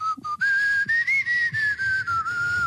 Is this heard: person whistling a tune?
yes